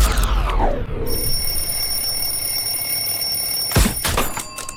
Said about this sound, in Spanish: Desarrollé la habilidad de apagar la alarma del despertador dormida, pero no me está gustando.